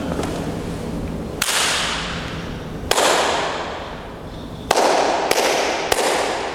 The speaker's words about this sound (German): Es gibt eine Art Resonanz. Das heißt, es klingt ganz anders, wenn wir draußen klatschen oder wenn wir in diesem schönen Raum klatschen.